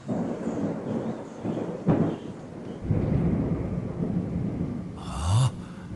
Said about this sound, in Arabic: هناك عاصفة قادمة. أوه، العاصفة قادمة من البحر.